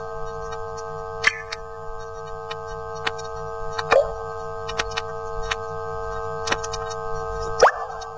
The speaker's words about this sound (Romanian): E că uite, a început să picure din tavan. O infiltrație. Da, o infiltrație.